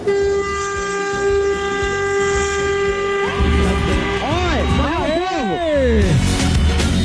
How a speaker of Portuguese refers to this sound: Tu quer buzinar? Tu quer? Quer, ó.